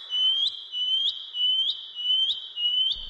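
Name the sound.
shining cuckoo call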